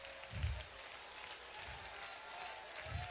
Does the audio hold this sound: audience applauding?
yes